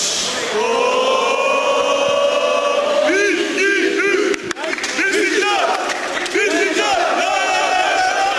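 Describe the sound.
A crowd of Beşiktaş football fans chants loudly in unison, led in a three-part chant by new signing Salih Özcan wearing a Beşiktaş scarf, voices rising and falling in drawn-out, rhythmic shouts that fill the whole clip with a brief dip near the middle.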